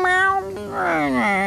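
A cat meows: a short, steady call followed by a longer, drawn-out meow that slides downward in pitch, fairly loud and with no talking over it.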